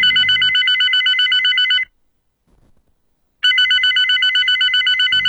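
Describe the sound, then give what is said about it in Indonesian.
A telephone rings loudly in two long bursts of rapid electronic trilling, separated by a pause of near silence with only faint shuffling. No one speaks. “Angkat telepon lama banget. Buka pintunya juga lama. Gimana kalau aku telepon dia lagi aja ya?”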